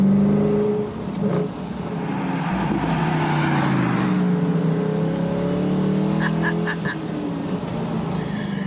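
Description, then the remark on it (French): The V8 engine of the last Morgan sports car ever made runs loud and steady as the car is driven, its deep rumble rising and falling as it revs, with a short burst of high, repeated squeaky chirps near the end. “Alors on est là au volant de la dernière Morgane de l'histoire avec un V8 qui en aura.”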